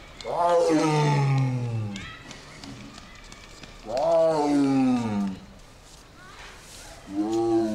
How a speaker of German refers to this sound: Das ist natürlich auch eine richtige Revierbegrenzung, da weiß jeder andere Tiger, da ist ein besetztes Revier. Und an der Resonanz, an der Tiefe der Stimme kann man die auch abschätzen, wie groß der andere Tiger ist.